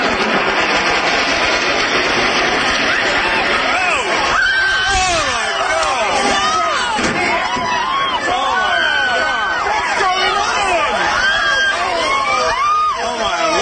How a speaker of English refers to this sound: But it's people not far from Ground Zero. You can hear the second plane fly overhead and their reaction when it hits the tower.